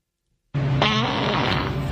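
A loud fart bursts in abruptly after a brief silence and keeps going as a long, buzzy, sputtering blast for over a second, with no talking.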